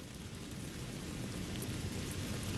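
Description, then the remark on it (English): Heavy rain pours down in a steady, dense hiss, with a low rumble underneath and the patter of drops striking a surface, at Georgetown University on November 19, 2015, as hundreds of students wait under umbrellas. No voices are heard. “Hundreds of eager students wait under umbrellas as rain comes pouring down.”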